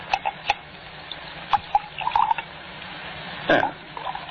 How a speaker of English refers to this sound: Shall we have another drink? May I pour? If you like.